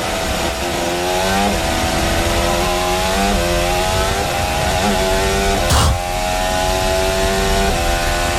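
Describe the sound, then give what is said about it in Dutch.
A Formula 1 car screams at full throttle over the start-finish line during qualifying, its high-pitched engine note climbing and dropping through rapid gear shifts, loud throughout, with a brief rushing burst near the end. “Kijk, hij gaat dus wel vol gas over start-finish, hè?”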